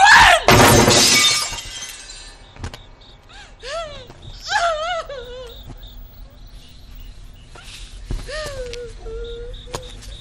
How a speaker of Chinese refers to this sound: 君主，您接着砸，卑职等马上就走，赶快走，